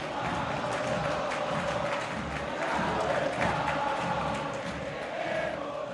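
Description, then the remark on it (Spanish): A huge stadium crowd at La Bombonera roars and cheers in celebration of a late Boca Juniors win, a dense, continuous wall of voices holding steady at high volume with slight swells, and no single voice standing out. “Escuchá esta bombonera que grita este triunfo de Boca.”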